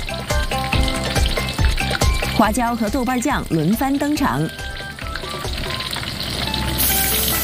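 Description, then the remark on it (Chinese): Steady, crackling sizzle of chicken frying in hot oil for xiaojianji (small fried chicken), made with roughly equal amounts of oil and chicken, runs through the whole clip, loud and dense, with a man's voice speaking over it for a few seconds in the middle. “当鸡肉被热油煎炸到外表微黄、水分微干时，就要进入调味阶段。”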